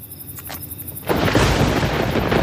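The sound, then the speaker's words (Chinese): A quiet stretch with faint insect-like chirring gives way, about halfway through, to a sudden loud roll of thunder that keeps rumbling deeply and steadily to the end. “可惜，这份惬意被雷声打断了。”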